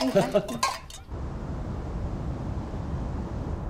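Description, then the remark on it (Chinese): A quick clatter of glasses clinking together during a toast among several overlapping voices, then a steady, even background hum for the remaining few seconds. “新中国的历史需要文化界同仁共同书写，来，我们举杯祝福新中国文化事业大放异彩。 来，干杯。”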